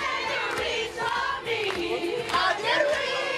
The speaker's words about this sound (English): Sold-out crowd in Paris last night.